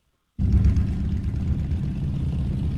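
Thousands of motorbikes ridden by fuel smugglers, gathered on the edge of Pakistan's border with Iran and kicking up dust in blistering heat, rumble and rev together, loud, cutting in abruptly and holding as a continuous, churning low roar with no voices.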